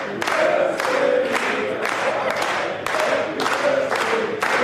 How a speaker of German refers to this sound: Ja, für mich neu, dass man Happy Birthday auch klatschen kann. Aber herzlich bedankt. Danke euch allen.